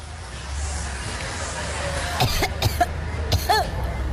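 A person with a cough and cold coughs several times in short, harsh bursts, over a low murmur of background noise and chatter.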